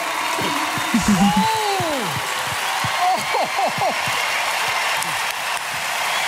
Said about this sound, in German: Und zwar vom Deutschen Radiopreis 2026. Und hinter mir klatscht ganz Hamburg.